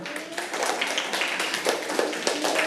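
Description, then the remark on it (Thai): A classroom of students clapping together for a group of classmates, a steady dense patter of many hands applauding, with no one speaking over it. “สรุปว่าของเพื่อนกลุ่ม5ใช่ทั้งหมดไหมคะทั้งหมดไหมคะทั้งหมดปรบมือกับเพื่อนค่ะ”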